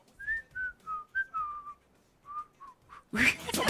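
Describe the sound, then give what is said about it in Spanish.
A thin, wavering human whistle made of short, breathy notes with uneven pitch, a shaky and unsteady attempt, followed by a sudden burst of loud noise at the end. “¡Pobre ese silbido! ¡Pobre!”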